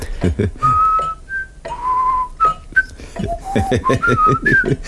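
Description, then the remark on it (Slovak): Someone whistles like a bird toward a neighbour's caged thrush, a short tune of held and gliding notes, fairly loud, with brief pauses between phrases and a low voice-like murmur running underneath. “Sadol som si na záchod, otvoril som dvere a začal som pískať.”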